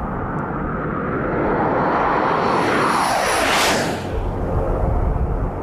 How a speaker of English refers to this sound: As the pilot dives to make a run at the camera, he turns on a light on the wing of the jet.